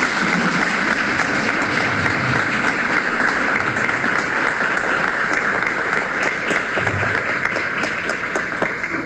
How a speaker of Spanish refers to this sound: Así que bueno, pido un aplauso para nuestras familias que hoy están acá acompañándonos.